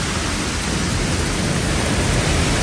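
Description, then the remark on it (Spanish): Heavy hail pelts down during afternoon storms in the Pirineo Oscense, in the comarca of Sobrarbe, Spain. It makes a dense, loud, continuous roar of countless impacts, with no pauses or voices throughout. “El granizo, que arrecia con fuerza en puntos del Pirineo Ostense, como en la comarca de Sobrarbe, está acompañando a las tormentas que se llevan produciendo toda la tarde.”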